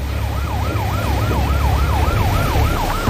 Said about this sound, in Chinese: 你看这个船打满舵，六台发动机同时开足马力逃窜的时候，我们就立即拉响了这个警报。